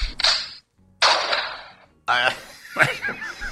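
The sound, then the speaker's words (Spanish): Gunshot sound effects: two sharp, loud bursts about a second apart, each with a short fading tail, then a third blast that gives way to people talking and chuckling. “Cualquier cosa, ambos son tiros.”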